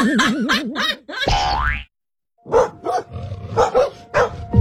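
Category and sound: animal, aggressive dog barking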